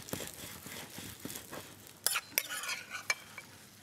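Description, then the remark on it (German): Food is scraped and scooped out of a pan onto a plate with soft, wet shuffling, punctuated by three sharp clinks of a utensil against dishware, with a faint sizzle underneath. “Das kommt jetzt alles auf den Teller drauf.”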